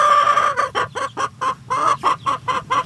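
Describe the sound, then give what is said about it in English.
Chickens in North Eaton, Lorain County, cluck in a quick, repeated series of short, bright bursts, with one longer drawn-out call at the start, and no one speaking. “There's plenty to cluck about in North Eaton in Lorain County.”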